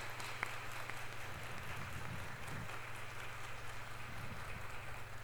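An audience applauding steadily for all the fathers present on Father's Day (Dia dos Pais), a dense wash of many hands clapping at an even level for several seconds, with a low hum running underneath.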